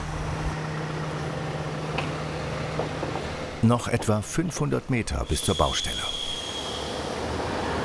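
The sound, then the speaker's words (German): A heavy truck rumbles slowly at walking pace along a narrow private road, then rolls over steel plates laid out for it, with a burst of loud metallic clanks and thuds lasting a few seconds. A man speaks briefly over the steady engine drone. “Hier ist es wirklich sehr eng, deswegen haben wir hier überall auch die Stahlplatten ausgelegt, damit der schwere LKW hier überall sicher rüberfahren kann und nicht aus Versehen die ganze Bankette kaputt macht und in den Graben sackt.”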